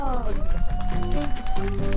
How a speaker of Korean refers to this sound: 아, 좋습니다. 큰 박수 주세요.